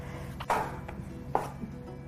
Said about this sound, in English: And then we'll start chopping up the mushrooms here.